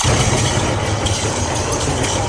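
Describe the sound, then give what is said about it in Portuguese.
Thunder rumbles loudly and without a break, a deep, steady roar with a faint pulsing throb underneath and no voices. “Mas isso, o seu talento não é um bocado estranho neste barulho dos trovões?”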